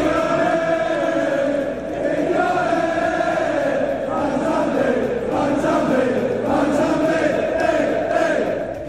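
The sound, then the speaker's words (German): A crowd of Aston Villa football fans sings a chant celebrating the player Mansambi, a loud, steady mass of voices with a rising and falling melody that carries on without a break. “Dort feiert der Nazi-Spieler sogar mit einem Lied.”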